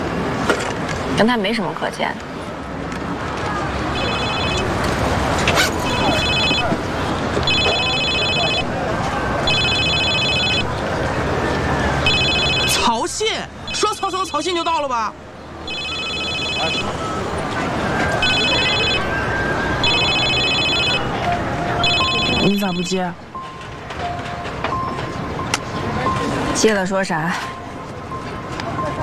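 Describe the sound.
A phone rings with a repeating electronic tone in short, evenly spaced bursts for several seconds, pauses, then rings again over voices and bustling street noise. It is an incoming call from Cao Xin that goes unanswered.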